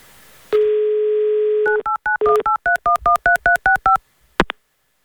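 A steady dial tone gives way to a quick run of about a dozen dual-pitched telephone keypad beeps, evenly spaced and clear, followed by a brief click near the end, as Avtoradio dials a listener's phone for its game show "Mnogo deneg".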